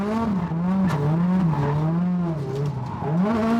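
A race car engine drones steadily at a low pitch for several seconds on a track in sunshine, rising and dipping slightly as it works through gears and corners, loud throughout with no talking.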